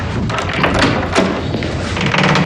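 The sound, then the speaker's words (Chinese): A door is opened, with a few dull thumps and a sharp knock-like clack amid steady rustling handling noise, fairly loud throughout. “我开门去。”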